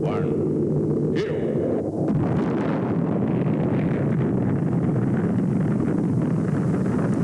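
Rocket engines roar at a launch from Cape Canaveral with astronauts aboard: a loud, steady, low rumbling thunder that fills the whole stretch without letting up, dense, with a faint higher tone fading out near the start.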